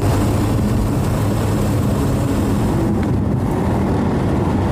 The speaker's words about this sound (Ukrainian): Їдемо в Святогірськ, намагаємося тримати максимальну швидкість. Саме ця ділянка дорог, як нам розповів начальник військової адміністрації Володимир Рибалкін, максимально небезпечна та прострілюється.